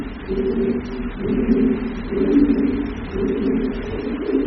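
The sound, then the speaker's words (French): Low, murmuring pigeon coos repeat in steady waves, sounding echoey from another part of a cave, with several birds overlapping and no voices. “Ils sont pas là où on est, ils sont vraiment dans l'autre partie de la grotte.”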